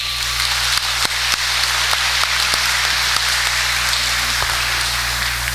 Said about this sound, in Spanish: Le damos un aplauso a los niños que vamos a bautizar.